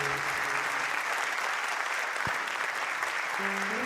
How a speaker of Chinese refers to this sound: 阿姨，谢谢大家哈，感谢大家热情的掌声鼓励吼